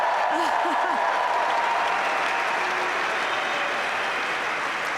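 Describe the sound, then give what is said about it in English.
A large tennis crowd applauds steadily after a five-set match (4-6, 7-6, 7-6, 4-6, 6-3) lasting 4 hours and 7 minutes: a dense, loud wash of clapping throughout, with a few brief vocal cheers rising near the start. “I think you can hear from the crowd's reaction how entertaining that match was, how special it was.”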